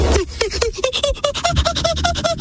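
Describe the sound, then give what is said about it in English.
A person imitates a monkey with a fast run of high, squeaky hoots, about a dozen short chirps in an even rhythm, climbing slightly in pitch, with no other talk. “I think you're taking my monkey sound like a bit too much there.”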